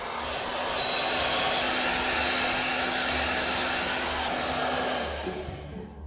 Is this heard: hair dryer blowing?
yes